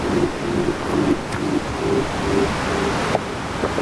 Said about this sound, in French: Des basses profondes. Le ressac continue. De l'océan qui commence à déchaîner ses longues vagues d'écume blanche.